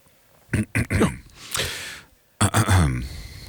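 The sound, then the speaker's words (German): A person clears their throat in a few short, gravelly voiced bursts, with a breathy exhale between them, followed by another rough, rumbling clearing. Fairly loud, with no words spoken. “Räusper.”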